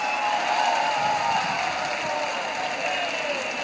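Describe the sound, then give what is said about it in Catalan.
Castellers roar in celebration after completing a 5 de 9 amb folre human tower, a steady wash of cheering with raised voices shouting war cries and holding drawn-out cries over the din, sustained at an even, loud level throughout. “mira, sí que celebren, sí. Crits de guerra, sí, sí.”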